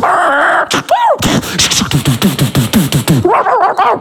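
A dog barks and yelps in a rapid, loud series of short, high bursts, preceded by a couple of sharp cries and followed by a few more whining yelps.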